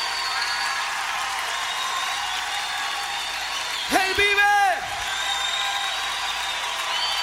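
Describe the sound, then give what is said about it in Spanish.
An audience claps steadily in a dense, continuous wash of applause offered to the Lord, while a man's voice briefly rings out over it near the middle before the clapping carries on. “levante ese aplauso al Señor.”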